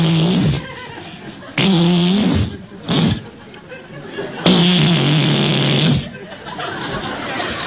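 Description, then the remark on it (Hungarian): A voice imitates the buzz of a beetle flying into a flat, in three loud, low, raspy droning bursts separated by short pauses, with some breathy noise in between. “És hát ő az, aki így repül be.”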